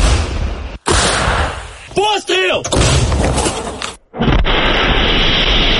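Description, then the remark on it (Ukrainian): A loud artillery gun of the Azov brigade artillery group fires in eastern Ukraine, its heavy boom rolling into a long rumbling roar, with a brief shouted voice in the middle and dense outdoor noise continuing afterward. “Постріл!”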